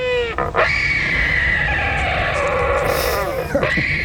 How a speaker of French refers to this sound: Celui-ci, c'est bien un oiseau que vous allez entendre, c'est l'albatros hurleur.